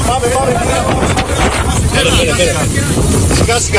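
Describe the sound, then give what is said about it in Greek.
A private boat's engine rumbles low and steady beneath a loud, constant roar of stormy wind buffeting the microphone over a rough sea, with faint, indistinct voices in the background, as the boat carries people to fire service ships during an evacuation by sea. “Ιδιωτικά σκάφη μεταφέρουν πολίτες στα πλοία της πυροσβεστικής.”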